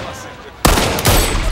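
After a quiet moment, loud gunfire aimed at chickens erupts abruptly, with a second sharp burst soon after, the shots harsh, leaving a noisy rattling wash between them.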